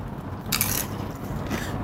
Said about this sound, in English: You can hear the crunch of the tacos as he's eating, and then we'll get his thoughts on what it actually tasted like.